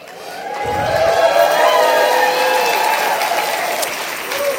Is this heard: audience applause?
yes